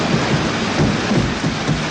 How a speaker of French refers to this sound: je vous fais écouter la bande-son de ce film mythique, cette cascade sur le métro, Peur sur la ville. Vous entendez le métro ?